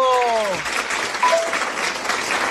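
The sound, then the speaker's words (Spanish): Steady, dense applause fills the whole moment, a continuous wash of clapping hands; a voice briefly rises over it at the start, followed by a faint tonal chirp midway. “Porque aplausos.”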